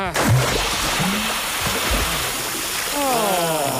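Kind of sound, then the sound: sound effect, bucket of water thrown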